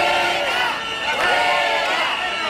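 A crowd of protesters at a march shouts loudly and continuously at a migrant passing alongside the march, many voices overlapping into a harsh, steady roar of yelling with no pauses.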